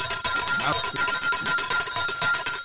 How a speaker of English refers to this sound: I have to ring the bell for Ernest Hilaire